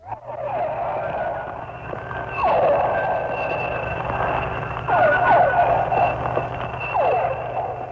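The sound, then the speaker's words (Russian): Underwater recording, made off Cuba in the tropical sea, of pilot whales hunting and using echolocation to find prey: several swooping, siren-like whistles recur every couple of seconds over a constant hiss and faint rapid clicking, with steady hums underneath and no one speaking. “Это охотится, вероятно, гринда и издает звуки такие локационные, с помощью которых она ищет добычу.”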